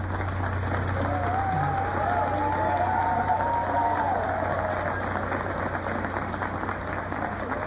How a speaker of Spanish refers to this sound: La directora del coro Calamuchita de Melville, que está recibiendo el aplauso de todo el público, porque la verdad es que ha hecho un trabajo estupendo.